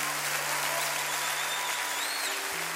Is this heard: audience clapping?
yes